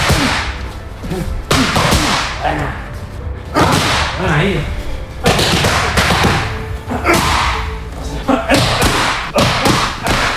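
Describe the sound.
Punches thrown by fighter Topuria in training strike his trainer's hand pads in loud, sharp smacks, coming in quick bursts of several blows with short pauses between, while a voice speaks briefly.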